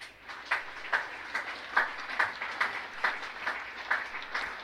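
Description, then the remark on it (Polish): An audience applauds steadily at an award ceremony as a prize from the Coldrock Fund for the Development of Rail-Road Crossings is announced, many hands clapping together in a fairly even rhythm with regular swells, with no voices. “Bardzo proszę o wielkie brawa.”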